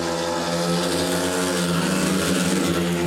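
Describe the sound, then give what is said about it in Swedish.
Speedway motorcycles race on the final lap of a Lejonen versus Indianerna meeting, Bartosz Smartslik of Lejonen leading, with a loud, continuous engine roar, a steady high-pitched drone with a whining tone, unbroken for the whole stretch, with no voices. “Klar ledning för Smartslik strax sista varvet.”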